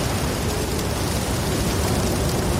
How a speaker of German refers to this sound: Der Regen. Da ist er wieder. Entweder bei euch im Das Ding-Viertel hat es heute schon geregnet oder aber der Regen kommt heute noch zu euch.